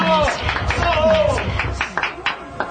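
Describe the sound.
An audience at a contest show claps together, a dense patter of applause mixed with crowd voices and chatter, with a few sharper individual claps standing out toward the end.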